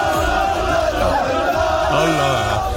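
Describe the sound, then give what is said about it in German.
A loud, dense crowd of football fans roars and cheers continuously in the street of Düsseldorf's Maghreb quarter during the 2026 FIFA World Cup, with overlapping shouts and chanting voices over a steady wash of noise. “Heute Abend starten die Viertelfinals und da könnte es in Düsseldorf im Maghreb-Viertel wieder so klingen.”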